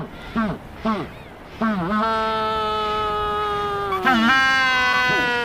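A male Magellanic penguin brays loudly, calling to its mate at a nesting beach on the Valdés Peninsula: a few short honking notes, then a long, steady, donkey-like call rich in harmonics, ending with another rising honk and a brief final note.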